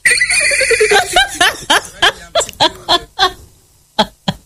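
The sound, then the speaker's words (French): A person imitates a horse whinny, starting with a high, falling vocal squeal and breaking into a quick series of pulsing bursts that fade out, loud with no talking. “Ça va, un petit cheval, ça? Comment on fait le cheval ou mieux?”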